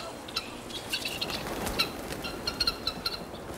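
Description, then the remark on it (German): Seven guinea fowl in a large chicken yard give a scattered series of short, sharp, high-pitched calls over a steady background hiss, clustering in quick bursts of two or three, fairly faint throughout. “Hier vorne stehen schon gleich die Perlhühner.”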